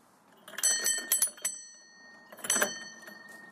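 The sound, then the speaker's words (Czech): A house doorbell in Hodslavice, next to František Palacký's birth house, rings in two bursts, a longer jangling peal with several quick strikes followed by a shorter one after a pause, its bright metallic tone lingering. Moderately quiet, with no voices. “Zazvonil jsem, no, ještě zaklepu pro jistotu.”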